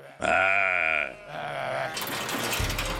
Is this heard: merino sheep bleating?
yes